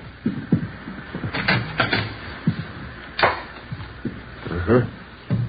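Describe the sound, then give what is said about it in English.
A bedroom door is handled and swung open, with a few knocking, rattling clunks spread over several seconds, and low voices and movement in the room. “Yeah, bedroom's over here through this door.”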